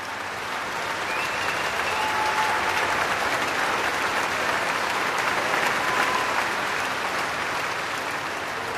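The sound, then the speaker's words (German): A large concert audience at the KKL in Lucerne, at the Lucerne Festival, applauds steadily and loudly without pause, celebrating the soloist, pianist Frank Dupré, and the orchestra; a dense wash of clapping hands with a few faint whistles rising above it. “Solist und Orchester werden hier wirklich gefeiert vom Publikum, das ein ziemlich anderes Musikmenü bekommt als auch schon für Eröffnungskonzerte am Lucerne Festival.”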